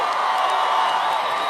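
A large crowd at the 2026 iHeartRadio Music Festival roars and cheers in a steady, dense wash of noise, with scattered whoops and clapping blended in, loud and continuous throughout with no single voice standing out.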